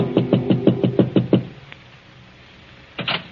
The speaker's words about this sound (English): Frank Gerard in his apartment lolls and considers the past and the future. Then as he prepares a drink, there is a soft knock at his door.